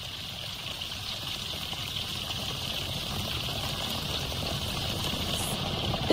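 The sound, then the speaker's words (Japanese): A chemical heating reaction bubbles and fizzes inside a zipped outer bag after water is poured in, foam welling up, a steady, dense crackling hiss that grows slightly louder over several seconds, with no one speaking. “泡がめちゃモコモコモコっと出てきております。”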